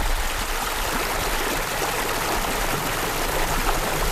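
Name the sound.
river water flowing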